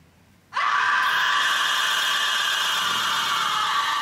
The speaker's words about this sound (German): Warum schreit die so? Ich weiß es nicht, die hat vielleicht zu viel Kartoffeln gegessen.